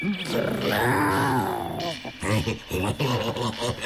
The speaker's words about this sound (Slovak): Čo to? Ona tuším vrčí. A zakráda sa ako